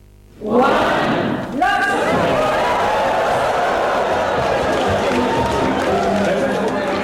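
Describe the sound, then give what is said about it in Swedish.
After a moment of quiet, a large crowd of scientists bursts into loud cheering and shouting as the Ig Nobel Prize ceremony begins, with paper airplanes thrown onto the stage, a dense, steady roar of many voices that holds without letting up, with a brief dip early on. “Så låter det när de drar igång Ig Nobelpriset. Då sitter alla forskare och så kastar de pappersflygplan in på scen.”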